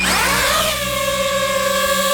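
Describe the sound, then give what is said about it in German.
A small camera drone used for aerial filming and photography spins up its motors, a rising electric whine settling into a steady, high buzzing hum with layered tonal pitches, fairly loud and alone without any voices. “Ja, Drohne, eine kleine, eine, wo man aus der Luft filmen kann, wo man fotografieren kann. Das Geräusch, das ist ein bisschen mühsam und auch die Drohne selber, die kann mühsam sein.”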